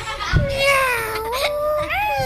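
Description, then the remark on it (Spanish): Several children meow together at once, their high, wavering voices imitating a cat in overlapping, sliding cries that rise and fall, loud, for a couple of seconds. “A ver, ¿quién sabe maullar? Yo. Tú, venga. Maulla. Maullad todos a la vez.”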